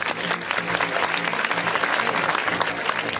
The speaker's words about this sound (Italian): Facciamo un applauso a DJ De Niro.